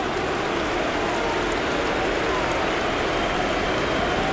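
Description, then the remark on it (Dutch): A stadium crowd boos loudly as Menu is substituted off for Mason Mount, a dense, steady roar of jeering voices that holds at an even level throughout without breaks. “Boegeroep voor de wissel van Menu.”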